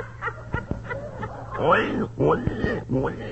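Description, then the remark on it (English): A voice imitates a sick pig: a run of short, strained grunts, then louder, drawn-out oinks and moaning squeals, close up and alone over a faint low hum. “Listen to Lover Boy, Geranium. He's getting worse.”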